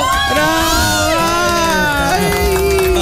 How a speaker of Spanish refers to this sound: Les había dicho, chicas, están ahí. Las chicas están tomando desayuno. Chicas, un grito.